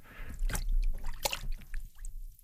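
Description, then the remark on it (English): An arm is lowered into a tub of very cold water, making sloshing and splashing sounds with a couple of sharper splashes and drips between them. No one speaks. “So, okay, get yourself a tub of very cold water, like this one here. Lower your arm into it, like so.”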